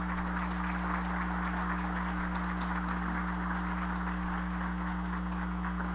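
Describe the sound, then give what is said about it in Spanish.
A crowd applauds steadily for the president of the council for the whole stretch, a dense, even patter of many hands clapping with no pause, over a constant low electrical hum. “Vamos a brindarle un fuerte aplauso.”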